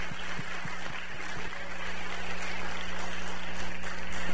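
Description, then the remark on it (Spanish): An audience at the Familia Betel Internacional church claps for their pastor as he is brought up to preach, in a steady, dense wash of applause that holds at an even loudness throughout, with a low hum underneath and no voices. “Fuerte el aplauso, sí, merece.”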